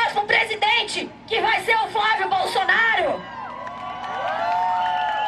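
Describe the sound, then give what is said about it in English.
A large crowd cheers and shouts at a right-wing political march for conservative candidates, as a congresswoman speaks from a sound truck, many voices overlapping in loud bursts for a few seconds before settling into a steady murmur of chatter and scattered calls. “Right-wing Congresswoman Julia Zanatta stands on a sound truck and speaks to the crowd.”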